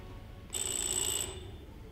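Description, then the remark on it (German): A single short burst of telephone ringing, shrill and high-pitched, lasting under a second and sounding on its own with no voices, then fading into a low background hum. “Es hat geklingelt.”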